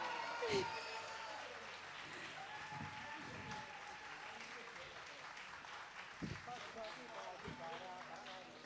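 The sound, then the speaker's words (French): An audience applauds steadily for a musician at a concert, a dense wash of many hands clapping at an even level, with a few sharper thumps and faint voices mixed into the crowd noise. “Applaudissez pour le maestro ….”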